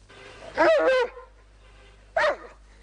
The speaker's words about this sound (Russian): Что ты рычишь? Ну что ты рычишь?